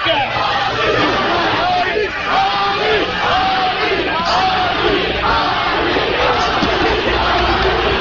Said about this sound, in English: Crowd screaming, chanting, Ali, Ali. Legends die hard.